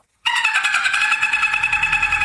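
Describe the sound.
A person imitates a dolphin: a loud, steady high squeaky whistle with rapid pulsing chatter, held for about two seconds with no other sounds around it.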